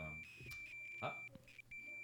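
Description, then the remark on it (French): A phone gives off a steady, high-pitched electronic beep that holds for about two seconds with a few tiny breaks, while people talk over it. “Quelqu'un nous appelle. Je sais pas, c'est bizarre.”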